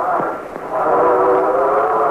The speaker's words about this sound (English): There's a train.